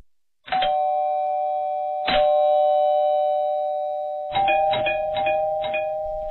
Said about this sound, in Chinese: 感觉也没睡多久，就被那连番炸响的门铃声吵醒。